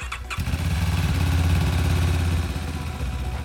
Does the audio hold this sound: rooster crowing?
no